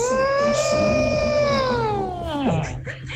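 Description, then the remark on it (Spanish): A person imitates an elephant's trumpet with one long, loud, nasal wail that holds steady, then drops sharply in pitch at the end, heard alone. “Y va diciendo, me hace falta el elefante. Y el elefante hizo...”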